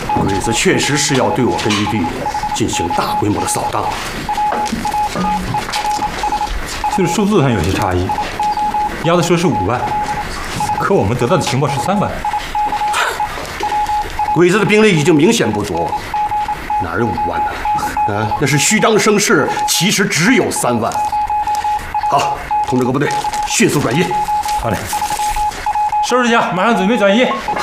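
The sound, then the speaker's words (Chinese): A thin, high telegraph tone beeps in rapid Morse-style pulses almost without pause, sending a plain-code telegram carrying intelligence, running steadily under several people talking loudly over it. “丫头，这个丫头用明码电报发过来的情报，正好佐证了我们地下党送过来的情报。”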